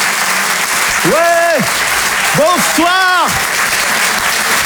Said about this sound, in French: Merci de l'applaudir lui aussi très fort. Voici Laurent Barra.